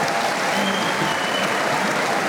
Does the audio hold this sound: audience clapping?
yes